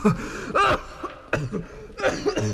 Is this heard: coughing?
yes